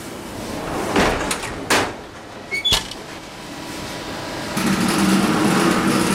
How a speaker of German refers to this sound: Das war jetzt die Beschwadung, also Dampf, damit das Baguette schöne Farbe bekommt und glänzt, schön glänzt. Schwaden, das ist so etwas wie ein Saunaaufguss für die Brote. Durch den Dampf geht das Brot beim Backen auch mehr auf.